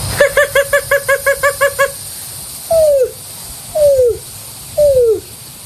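A voice imitates a greater roadrunner: a quick burst of about nine short, rattling pulses, then three slow, drawn-out coos, each sliding downward in pitch, loud with no talking.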